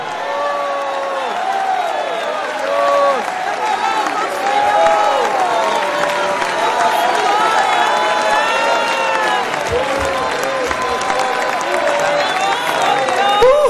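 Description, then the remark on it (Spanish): A large church audience shouts and cries out praise to God all at once for about 30 seconds, a dense, sustained roar of overlapping voices with whoops and scattered clapping, loud and steady for the whole stretch. “Si alguien va para el cielo, grita su alabanza por 30 segundos.”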